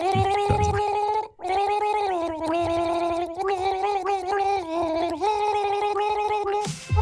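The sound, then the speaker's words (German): Two people gargle the melody of a hit song as a duet for the Gurgel Gaga guessing game on Antenne Düsseldorf radio, their bubbling, watery voices holding sustained pitched notes that rise and shift like a sung tune, continuous and fairly loud with brief pauses between phrases. “Ja, man hört es vielleicht, es gurgeln zwei.”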